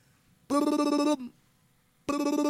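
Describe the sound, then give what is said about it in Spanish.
A telephone ringback tone after a call is dialed sounds twice, a steady buzzing tone lasting under a second, a pause, then a second ring starting, clear and fairly loud with no talking. “Suena cuando marca de acá.”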